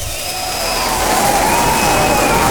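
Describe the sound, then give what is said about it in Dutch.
A crowd bursts into sustained applause and cheering, a dense steady wash of clapping with a few whistles riding over it, loud throughout and building slightly after the first half second. “Daar mag je best even voor klappen, ja.”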